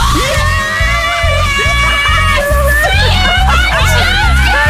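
Loud, close-up excited screaming and shrieking from a couple of people, continuous and overlapping with whoops and cheers, over a steady thumping beat underneath.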